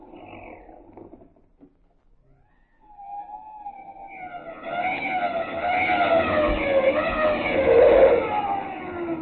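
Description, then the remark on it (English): A police car's siren wails and wavers, growing steadily louder as the car approaches and pulls up in front of a house, with a low engine rumble underneath. No one speaks. “The police didn't lose much time. The car's pulling up in front of our house.”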